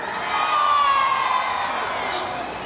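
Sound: crowd shouting loudly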